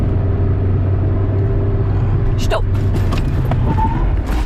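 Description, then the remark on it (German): A car makes a full emergency stop during driving practice with an instructor, the driver pressing the brake pedal with full body weight, heard from inside the cabin: steady engine and road rumble, then sudden knocks and clunks and a short squeal as it stops abruptly, with muffled voices in the background. “Wenn man eine Vollbremsung machen will, dann muss man eben voll reinstehen in die Bremse.”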